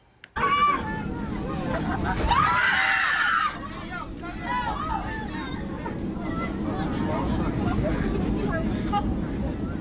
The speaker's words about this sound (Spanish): Los gritos y el pánico dentro de la cabina captaron el miedo que vivieron decenas de pasajeros durante un vuelo de Volaris. Mírelo usted.